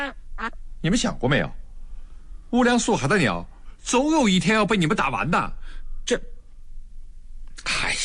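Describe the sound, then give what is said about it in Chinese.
A wounded wild duck, shot with one wing broken and caught at a lake, quacks in repeated raspy bursts, some calls short and others drawn out, with people talking in between and over them. “这鸭子还活着呢。”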